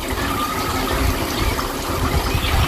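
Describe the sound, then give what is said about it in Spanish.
Water gushes steadily from a beach foot shower tap in Águilas, Murcia, as someone rinses their feet, a loud, continuous rushing splash with a low rumbling undertone and no pauses. “mi hermana se puso a darle al grifo para enjuagárselos y, sorpresa, dice: uy, este sonido valdrá para el Faro”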